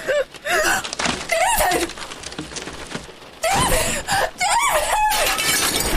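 A woman breaks a car window with a harsh, crackling burst of shattering glass while a woman screams loudly and repeatedly over the noise.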